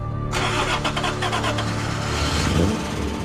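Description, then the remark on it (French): A car is started with its key on the show Car SOS: the engine cranks and catches, then settles into a steady, loud low purr with a constant rumble and a slight rise in revs near the end. “Il vous reste une chose à faire. Démarrez-la.”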